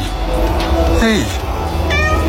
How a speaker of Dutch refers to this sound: Zo'n 21 uur geleden had hij bijvoorbeeld, luister goed, een spontaan ontmoeting met een kat.